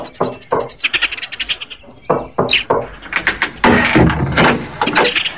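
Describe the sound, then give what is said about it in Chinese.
Birds chirp in quick runs at the start, then a series of solid knocks on a door follow, irregular and fairly loud, with birdsong continuing in the background. It is just after daybreak, and a breathless man who has run there is knocking. “天刚亮，胖子就气喘吁吁地跑来敲门。”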